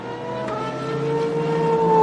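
Molina's race car engine drones with a steady, buzzing harmonic tone as it is cranked to restart on the track between turns 15 and 16, its pitch and loudness creeping slightly upward over about two seconds as it strains to come to life. No one speaks.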